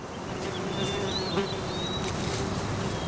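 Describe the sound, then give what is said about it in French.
Steady buzzing of flies and bees outdoors, a continuous droning hum with faint high bird chirps in the background over a soft breeze. “J'entends des oiseaux, des mouches, des abeilles et le vent, mais pas ma bestiole.”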